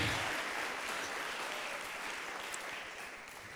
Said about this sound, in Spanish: Démosle un aplauso al Señor en este día, pero démoselo con todo el corazón. Aleluya.